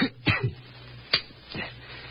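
Three short, harsh coughs break the quiet at irregular intervals, fairly close and moderately loud, with the first pair coming in quick succession over a faint low hum.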